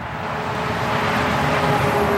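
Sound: motorway traffic passing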